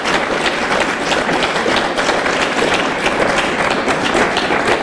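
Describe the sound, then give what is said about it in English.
An audience claps steadily for about five seconds, a dense, even wash of many hands with no break or swell and no voices over it. “And they're clapping for it.”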